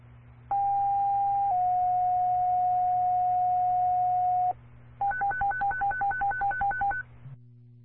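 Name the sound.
dispatch paging tones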